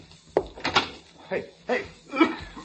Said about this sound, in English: Open the door to the hall.